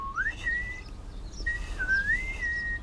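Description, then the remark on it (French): Someone whistles two clear, sliding melodic phrases with a short pause between, steady against a faint low background hum, answering the song of a tit, a small blue bird with a yellow belly. No one speaks. “… lui répond en sifflant.”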